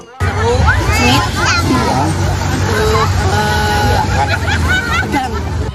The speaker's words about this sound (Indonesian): Emak-emak ini dengan semangat berlari mengejar dan merebut bola dari lawan. Pertandingan pun semakin meriah saat penonton terus bersorak memberikan semangat ke peserta lomba.